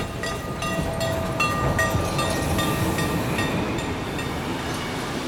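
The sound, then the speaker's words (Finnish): A train carrying a party with their cows arrives in Salo, rumbling steadily along the rails with a continuous low roar, faint rhythmic clacking and thin metallic squeals riding above the noise. “Ja nyt Lahjankin seurue lehmineen saapuu junalla vihdoinkin Saloon.”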